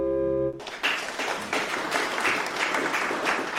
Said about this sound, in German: Und dann gibt's sogar Applaus in der Kirche, was ja sonst nicht so üblich ist. Aber für den Nachwuchs fürs Orgelspiel im Gottesdienst im Kirchenbezirk Freiberg dann eben schon.